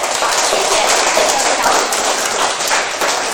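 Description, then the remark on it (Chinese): Sustained applause from an audience for a student and the student's device, a dense steady wash of many hands clapping at even loudness for a few seconds, with no voices standing out above it. “我想再次把掌声送给你。”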